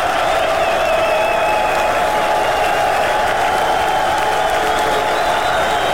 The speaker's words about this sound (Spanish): los hijos de Shaddai aplauden.